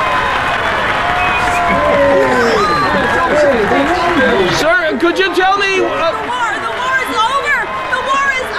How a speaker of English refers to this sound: People were crowding onto the train, running up and down the aisles, hugging everybody. It was an incredible celebration.